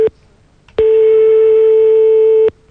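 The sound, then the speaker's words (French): A telephone line tone as a phone number is dialed and the call connects: a short blip, a brief pause, then one long, loud, steady electronic tone that cuts off abruptly. No voices. “On est en train de composer le numéro de téléphone.”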